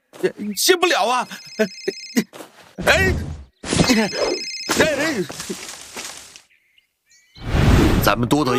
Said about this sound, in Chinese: 哎，电话响了，歇不了啊！